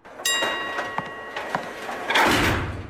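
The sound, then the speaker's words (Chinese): A bright bell chime rings out with a sustained tone, followed by the mechanical rumble and slide of elevator doors gliding shut, ending in a soft whooshing thud. “随着一声铃声，电梯门关上了。”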